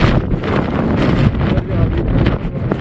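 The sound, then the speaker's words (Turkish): Strong wind and storm roar steadily across the microphone on a mountain climb by Aktürk at about 4,900 m altitude, a loud, continuous rumbling buffet with gusty surges and no voices. “Yaklaşık 4900 rakıma kadar ulaşan Aktürk, şiddetli rüzgar ve fırtına nedeniyle zor anlar yaşadı.”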